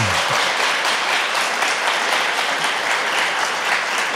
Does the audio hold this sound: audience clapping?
yes